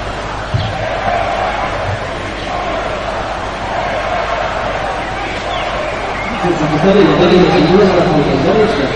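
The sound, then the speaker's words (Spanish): A large crowd at the National Day military parade in Madrid shouts and boos from a distance against the Spanish prime minister, a continuous roar of many voices that swells louder toward the end, with scattered jeers rising above the din. “Pues con gritos que se escuchaban desde la distancia en contra del presidente del gobierno, arrancaba ese desfile.”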